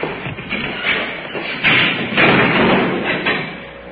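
A door thuds shut with a dull, heavy knock partway through, set against a steady wash of background noise with no voices.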